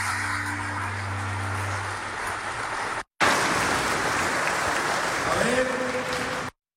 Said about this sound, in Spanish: aplauso para él.